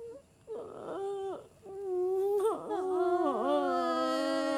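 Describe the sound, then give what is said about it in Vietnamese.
A voice mimics a baby's cry with wavering, wailing whimpers that rise and break in pitch, loud, starting with short sobs and swelling into a sustained, quavering wail. “Nín đi con, nín đi con, mẹ thương mẹ thương, nín đi.”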